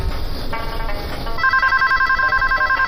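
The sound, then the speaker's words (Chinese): A telephone rings with an incoming call, a steady, repeating electronic trill, loud, growing more prominent after the first second with no voices over it. “老哥来电话。”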